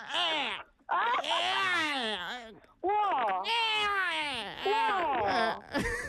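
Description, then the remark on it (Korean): A voice imitates a baby's babbling and whimpering: a few long, wavering, high-pitched coos with sliding pitch, fairly loud, separated by short pauses. “아까 앞에 아기 뭐 옹알거리는 거 소리 그 첫 번째 도전자도 있었는데”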